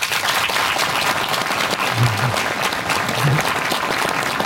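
A large outdoor audience in front of Nidaros Cathedral in Trondheim, at the Olavsfest festival, applauds steadily, a dense wash of clapping that stays loud and even throughout, with open-air spaciousness and faint murmurs underneath.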